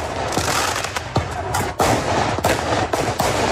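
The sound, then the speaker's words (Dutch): Repeated sharp firework bangs burst through a dense, noisy crowd at a street protest by schoolchildren, with mounted police present, several loud cracks spaced irregularly over a constant roar of voices and street commotion. “Vuurwerk, politie te paard en skanderende scholieren.”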